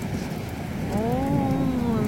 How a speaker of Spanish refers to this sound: Oh, mira, llueve en Córdoba. Me ha mandado un videíto. Se escucha la lluvia. ¿Escucha? Truenos todo en Córdoba.